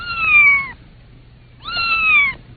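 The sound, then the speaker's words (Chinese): Two loud, clear cat meows close by, each drawn out with a slightly falling pitch and separated by a second of near silence. “鼠妈妈和鼠儿子在鼠洞附近撞上了猫。”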